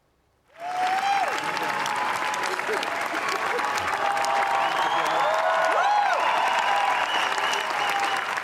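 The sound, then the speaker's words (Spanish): A sustained ovation at Cannes for Los Javis after the screening of La Bola Negra: dense, steady applause from a large crowd starting abruptly after a brief silence, with whistles and cheering voices rising above the clapping throughout. The applause and cheers lasted more than 20 minutes. “Más de 20 minutos de aplausos y vítores que emocionaron a todo el equipo, especialmente lo acaban de ver a Penélope Cruz.”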